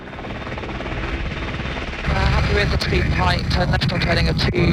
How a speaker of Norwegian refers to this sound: Det britiske Merlin-helikopteret gjør et brått fall og henger stille i luften, ikke langt over bølgene. På innsiden er fem britiske forsvarssoldater.